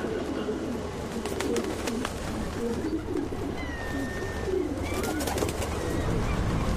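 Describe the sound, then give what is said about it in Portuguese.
Street pigeons in a city coo in a low, throaty murmur, several birds overlapping continuously against a steady outdoor hum, with a few faint higher chirps drifting in now and then. “Conheça Nelson, um típico pombo jovem de rua.”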